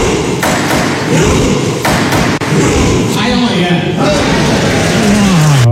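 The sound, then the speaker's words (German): Members of the Norwegian Parliament, in suits and dresses, cheer in rhythm as if rowing together, with loud repeated thumps beneath a mass of voices. A single voice shouts "Heia Norge" at the end. “Am schrägsten, das norwegische Parlament rudert auch in Anzug und Kostüm. Und so klingt das dann im Parlament.”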